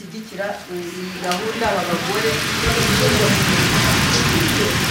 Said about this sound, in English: For most of the week, it's been bright and sunny, but on the final day, the rain is drumming on the hall roof as I sit in the retreat room, surrounded by the women's coloured scarves and notebooks.